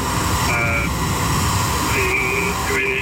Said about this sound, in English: Now we are photographing the drone and then surrounding our area for a report. So, two drones right side of the road.